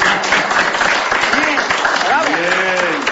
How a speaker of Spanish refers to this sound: ¿Te das cuenta? También aplaudo. ¡Eso!